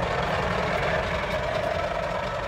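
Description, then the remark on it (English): Heavy truck engines rumble steadily and loudly with a deep, continuous drone and broad road noise as traffic rolls along the Mahu Mahu Road, the long, winding truck route from Nairobi to Naivasha in Kenya that curves around the Great Rift Valley. No talking. “I'm on the Mahu Mahu Road, which is the long, winding truck route from Nairobi to Naivasha that curves around the Great Rift Valley.”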